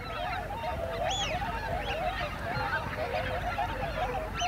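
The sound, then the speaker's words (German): A huge flock of thousands of Eurasian wigeons taking flight, startled by a white-tailed eagle: a dense, continuous chorus of high whistling calls, some rising sharply, over a steady low rushing roar of wings. “Das hier sind Pfeifenten. Zu Tausenden. Aufgeschreckt von einem Seeadler.”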